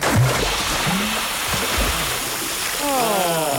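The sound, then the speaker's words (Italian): A bucketful of cold water, thrown at a man at the Crazy Club, sloshes and splashes in a loud, continuous rush that lasts a few seconds, with brief vocal sounds mixed in and a higher-pitched voice near the end. “che ti tocca una secchiata d'acqua, ti arriva subito.”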